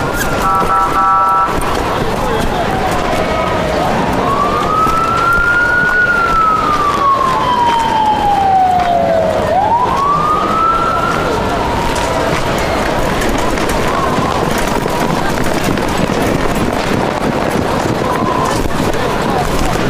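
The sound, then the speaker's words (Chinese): An ambulance siren wails in one long rising-and-falling sweep, fairly prominent, over a dense bed of noise and the muffled sound of people talking. “赶紧出救护车！”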